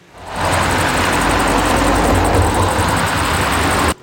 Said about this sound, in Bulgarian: Около 15.30 часа десетки коли напускат авиобазата. След наше запитване оттам казват, че това са част от служителите, приключили смяната си.